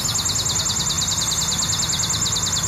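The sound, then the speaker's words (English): A chipping sparrow sings a long, steady, dry trill of rapid identical chips, clear, running continuously over faint low background noise with no one speaking. “The bird is the sharp-looking chipping sparrow.”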